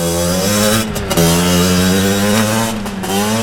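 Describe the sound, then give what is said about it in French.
An unregistered motorcycle engine drones loudly, its pitch rising and briefly dropping twice as the rider revs and shifts gears, with no voices present. “Pour tous ceux qui ne connaissent pas, le cross-bitume consiste à rouler sur des motos non homologuées et à réaliser des figures sur les routes au milieu de la circulation.”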